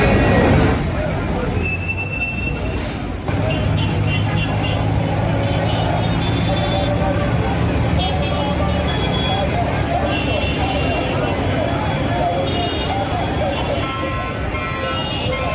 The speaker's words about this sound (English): Yep, so much traffic, so much noise, beep, beep, beep, beep, everywhere. That's just basically what it is. It's not their fault. That's just kind of the sound that is synonymous with Lagos.